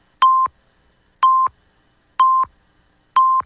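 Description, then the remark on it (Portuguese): Four short, identical electronic beeps sound one second apart, loud and clean with nothing else around them: a five-second radio network timing signal marking the end of the network broadcast of free electoral advertising. “Atenção para o top de 5 segundos para o encerramento da rede.”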